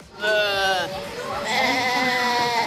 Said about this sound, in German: Mit lautem Gemecker ruft diese Ziegenmama nach ihrem Nachwuchs. Anhand der Rufe können Mütter ihre Kitze selbst nach einjähriger Trennung noch erkennen.